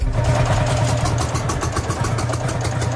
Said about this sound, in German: Der Sound der Reisegruppe Traktor ist schon heute Morgen kaum zu überhören. In Guben lassen ältere Männer ihre noch älteren Maschinen knattern. Das ist ein Hanemack, Baujahr 1948.